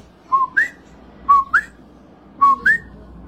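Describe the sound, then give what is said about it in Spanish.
A person whistles an imitation of a coquí frog: three evenly spaced two-note calls, each a short steady note followed by a higher, upward-sliding one, clear over faint background hiss. “Entran a la casa del Señor, hermano, y tú lo único que oyes son los grillos y el coquí.”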